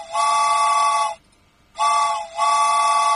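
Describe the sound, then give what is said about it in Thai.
A loud train whistle sounds as a train departs, in three steady, high-pitched blasts: a long one, a pause, then a shorter blast running almost straight into another long one. No one speaks. “ไปแล้วรถไฟออกแล้วคุณผู้ฟังคะ”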